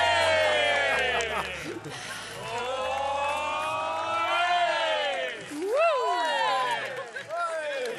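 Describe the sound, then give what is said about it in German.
A crowd at a WDR summer party celebrates after a contest result, many voices shouting and whooping at once with rising and falling cries, over a steady low thumping beat that continues throughout. “Und also hier wird sich gefreut. Und wir freuen uns noch ein bisschen mit. Wir feiern noch diesen Abend.”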